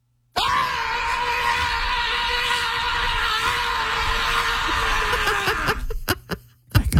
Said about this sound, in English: it's time to scream.